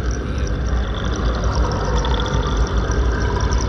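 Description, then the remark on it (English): Continuous churning water swirling in eddies fills the scene, a steady, dense rush with bubbling texture that never pauses, fairly loud, with no voices. “The water holds different voices, different tongues in its endless recycled eddies.”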